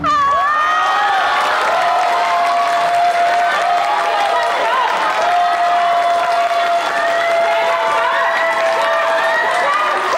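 Loud, steady applause from an audience with cheering and excited shouts mixed in, sustained without a break for about ten seconds while a thin held tone runs underneath.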